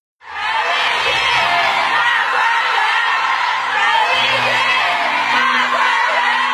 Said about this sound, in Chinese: 当粤剧《我的大观园》演出落幕，观众持续鼓掌，呼唤演员姓名的声音响彻剧场，陈丽君多次返场致意。